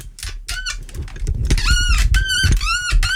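A microphone stand creaks and squeaks in a run of about five or six drawn-out, whiny squeals, fairly loud, over low rumbling handling noise.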